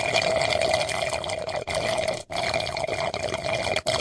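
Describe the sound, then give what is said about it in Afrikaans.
A steady trickle of a small stream of running water, continuous and bubbly, with a couple of brief dropouts; it has a gurgling, sucking quality much like slurping through a straw. “as jy die video kyk met die stroompie, dan is dit nie so irriterend soos die klank wat ons regtig weet dit is nie”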